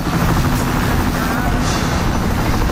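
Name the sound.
military helicopter flying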